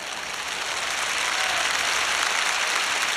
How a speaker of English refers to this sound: Clap your hands.